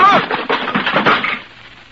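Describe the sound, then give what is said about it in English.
A wooden chair gives way under someone sitting on it with a rapid run of sharp cracks and splintering snaps, loud at first, then trailing off into faint creaks after about a second and a half. “My chair wasn't built very strong.”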